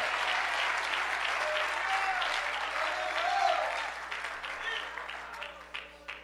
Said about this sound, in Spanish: Alguien le da un fuerte aplauso en agradecimiento a ese Dios.